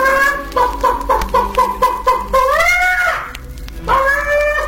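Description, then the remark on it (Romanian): A hen cackles loudly as it jumps off its nest: a quick run of sharp, rhythmic clucks builds into drawn-out, rising squawks, then starts again. “Găina sare peste poartă, trece iute pe lângă babă, se pune pe cuibar și după vreun ceas de ședere sare de pe cuibar cotcodăcind.”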